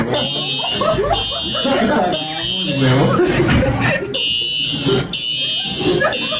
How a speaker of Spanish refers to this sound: Porque de un momento a otro empezó a sonar. No, o sea, todo el mundo evacuó. Claro, la alarma. Yo la escuché.